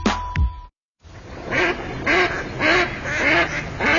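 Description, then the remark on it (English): A brief electronic tone and a short silence give way to waterfowl calling: a steady run of about six loud, nasal honking calls over a faint outdoor background. “Do you hear that? Now that's music to my ears. Time to gear up for bird season.”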